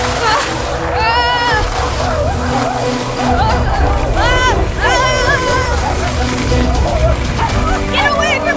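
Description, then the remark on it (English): A pack of wolves chasing a sled down a mountain barks and yips excitedly in quick, overlapping bursts, loud, over a constant rushing, sloshing noise and a background of shouting voices. “Here come the wolves.”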